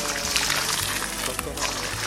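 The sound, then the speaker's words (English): Water pours in a steady, continuous splashing stream, moderately loud, with a low murmur in the background throughout; water being brought for a bath. “Wash the dishes, collected firewood to cook the food, and brought water for the Guru's bath.”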